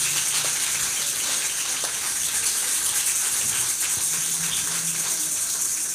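An audience at a church worship service applauds for God, a steady, dense, even wash of many hands clapping that holds at the same loudness for about six seconds with no voices over it.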